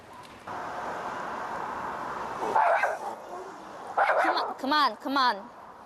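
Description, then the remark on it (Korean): Dogs bark in short bursts as their owner takes them outside, several sharp yips and barks coming in quick clusters toward the end, mixed with a whimpering, wavering cry over steady background noise. “결국 짖는 강아지들을 데리고 밖으로 나가는 보호자.”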